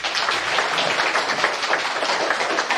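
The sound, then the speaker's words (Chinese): A crowd applauds steadily as Professor Zhu Yizhang takes the stage for a lecture at a museum, many hands clapping at once in a dense, even wash of sound. It holds the same loudness throughout, and no one speaks. “掌声有请朱一章教授登台。”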